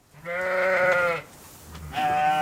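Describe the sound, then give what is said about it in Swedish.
Sheep and lambs bleat in a pasture in Sweden as they are let out into the pastures: one long wavering bleat, a short pause, then another bleat starting, fairly loud with a low rumble of background noise. “I helgen släpps många får och lamm ut i hagarna”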